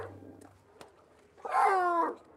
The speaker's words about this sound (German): Bei den Seehunden ist das der normale Kontaktlaut, den das Jungtier ausruft, um Kontakt zu der Mutter aufzunehmen. Das heißt dann so, komm mal wieder zurück, ich habe Hunger, ich bin alleine.